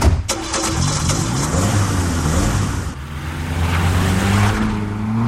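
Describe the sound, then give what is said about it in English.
A car engine cranks and catches, then revs and pulls away to follow another car, its pitch rising and shifting through gears. Loud, with no talking over it. “I'll get our car so we can meet you at wherever he stops. Come on, let's go.”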